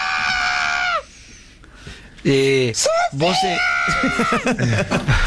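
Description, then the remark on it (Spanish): A person imitates a chicken clucking, loud: a long, wavering high-pitched squawk, a short pause, then a run of quick, choppy clucks and cackles. “…, vos, casi en la gallina”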